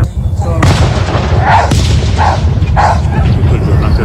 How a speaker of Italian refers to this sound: Secondo voi era giusto che quel cane stesse lì proprio nel campino sotto questi fuochi? Io ora ti faccio sentire l'audio di questo video, eccolo qua. Senti il cane.